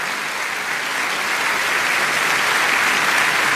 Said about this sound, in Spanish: Alguien que le dé un fuerte, fuerte aplauso al Señor.